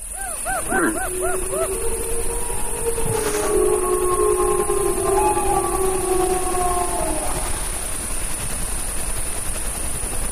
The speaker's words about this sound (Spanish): Para escuchar ahora sí el aullido de los lobos.